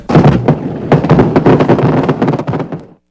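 A loud, dense barrage of fireworks explosions, with sharp bangs and crackles overlapping in quick succession for about three seconds before cutting off abruptly.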